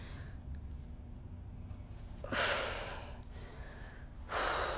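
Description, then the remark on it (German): Heavy, labored breathing from a woman in labor: two loud, drawn-out breaths about two seconds apart over a low steady hum, with a faint strained quality suggesting a moan. “… schreit nicht. Sie atmet. Sie stöhnt.”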